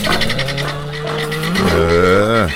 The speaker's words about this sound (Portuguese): Anda a bicharada no terreiro aqui no nosso Bom Dia 104. Olha a mimosa, galinhada solta no terreiro, boi tufão, porcada com fome.